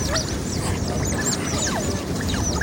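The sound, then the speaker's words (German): A family of otters on the Singapore River in Singapore, among 40-storey high-rises, swimming to their sleeping place under a bridge: a chorus of squeaking and chirping, with rapid, overlapping high-pitched calls that rise and fall over a steady background rumble, continuous throughout. “Anwohner, Jogger und Touristen hören die Tiere schon von Weitem an ihrem hohen Quieken”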